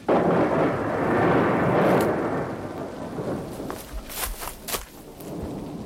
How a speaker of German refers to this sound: Komm! Wir müssen weg! Das Gewitter hier lebensgefährlich!